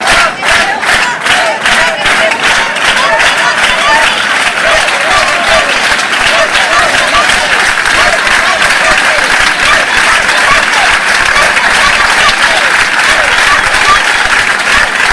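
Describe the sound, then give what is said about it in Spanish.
At noon, a crowd chants "Ceuta, Ceuta, Ceuta" and "Ceuta no se vende" (Ceuta is not for sale) loudly in a steady rhythmic beat, the shouted phrases merging into sustained, dense applause that stays loud and unbroken to the end. “Ceuta, Ceuta, Ceuta, eran los gritos, Ceuta no se vende, que daba paso a un sonoro aplauso.”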